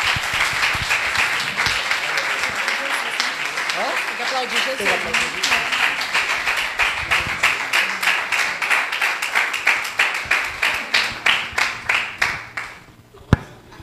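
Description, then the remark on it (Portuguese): An audience applauds Jesus in a church service to welcome the deaconess, dense clapping that gradually becomes more rhythmic and in unison before tapering off, with some voices and cheers mixed in underneath. “Vamos aplaudir a Jesus e receber a diaconisa.”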